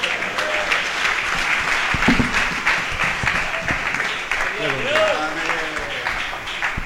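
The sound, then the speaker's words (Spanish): Sustained applause from a crowd giving a round of applause to the Lord, dense steady clapping throughout, with brief voices calling out over the noise partway through. “¿Cuánto le damos prenda de palmas al Señor?”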